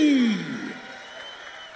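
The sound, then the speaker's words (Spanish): An audience cheers and applauds, with a loud voice whooping over the crowd at the start, then the clapping and noise fade down over a couple of seconds; the applause is for a backing orchestra from Medellín. “Un aplauso para esta tremendísima orquesta de aquí de Medellín que me respalda.”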